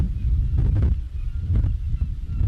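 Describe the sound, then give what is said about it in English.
Strong wind roars across the deck of a ferry from Calais to Dover on 2 May 2004, a heavy low rumble buffeting the microphone with a few sharper gusts breaking through. No one speaks. “I'm standing on the boat from Calais to Dover.”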